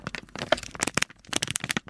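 Paper being crinkled and rustled in quick, irregular bursts of crisp crackling, fairly loud and continuous for a couple of seconds, with no voices, played as the mystery sound in a radio sound-guessing quiz.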